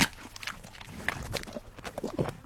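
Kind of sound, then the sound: animal, horse chewing an apple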